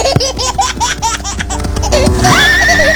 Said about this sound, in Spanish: No, ahí es el burro